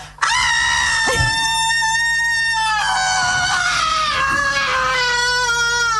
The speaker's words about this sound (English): And instead of screaming at the sea, I'm just going to scream at myself, okay? Ready?